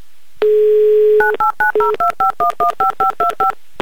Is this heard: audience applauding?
no